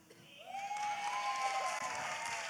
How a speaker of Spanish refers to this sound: ¡Qué bonito especial tuvimos el día de hoy con este gran grupo! Y quiero que le den de nuevo un gran aplauso por todo lo que hicieron.